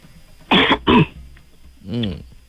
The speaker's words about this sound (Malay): Suaranya macam tak sihat je, batuk-batuk je.